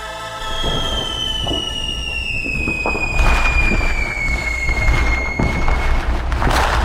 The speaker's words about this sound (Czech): To je něco, co jsme zhruba 4 měsíce neslyšeli, protože poslední ohňostroje proběhly na vítání roku 2026, tedy silvestrovská noc.